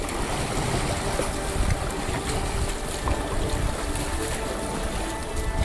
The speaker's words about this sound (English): 14 people on the boat, pushing away from the dock.